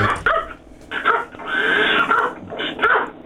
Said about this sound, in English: Dogs are barking, I can't hear a thing.